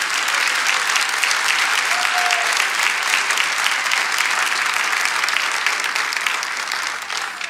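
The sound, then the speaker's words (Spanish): A church audience applauds Jesus during a sermon: a dense, loud wash of many hands clapping at once that holds without pause and eases slightly at the very end; no one speaks. “Dale otro aplauso a Jesús, porque Él es grande.”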